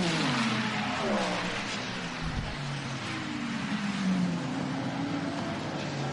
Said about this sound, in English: Oh, huge crowd of cars going across the start-finish line with 3.5 to go.